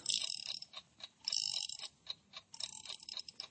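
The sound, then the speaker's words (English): A mechanical alarm clock, set for 3 o'clock, is being wound up, with a rapid series of clicking, ratcheting ticks coming in bursts, the bursts broken by brief pauses. “When she gets back from shopping around 2:30, you better set it for 3 o'clock. Good. Now then, wind it up.”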